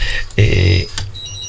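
A loud electronic telephone ring, one steady buzzing tone lasting under half a second, framed by short clicks, with a fainter high tone trailing at the end.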